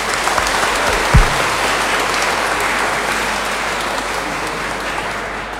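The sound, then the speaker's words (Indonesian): An audience at a liturgy applauds steadily to thank the liturgy ministers, the helpers and the choir from SD Marsudirini, a dense, even wash of many hands clapping at a sustained loudness for several seconds, with a single low thump early on and no talking. “Untuk semuanya itu mari kita beri tepuk tangan.”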